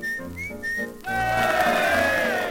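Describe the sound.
A person whistles a blackbird's song: bright, warbling phrases that slide up and down in pitch, with quick trills and flourishes, loud and clear with no talking.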